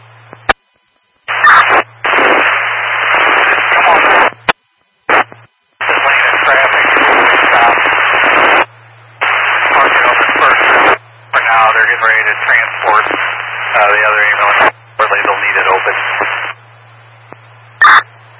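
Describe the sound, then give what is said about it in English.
Crackly, band-limited radio static in several long bursts with short gaps, a garbled voice transmission buried in the hiss and a steady low hum underneath throughout. “Static, I couldn't copy.”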